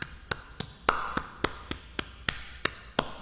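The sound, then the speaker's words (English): Rhythmic hand clapping as done in Africa: about a dozen crisp, sharp claps at a steady, fairly quick pace, each one evenly spaced, with no talking over them. “Well, if you hear this, this is what clapping sounds like in Africa.”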